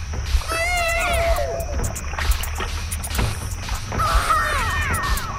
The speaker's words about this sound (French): C'est un bébé, en fait, sur un vinyle, dans un vinyle de Sound Effects des années 70.